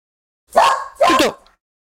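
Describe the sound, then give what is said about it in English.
Two loud dog barks in quick succession, the second longer and more drawn out, with silence before and after. The dogs at a villa are barking because a van drove past about a quarter of a mile away. “Dogs are going mad just because a van has driven past the villa about a quarter of a mile away.”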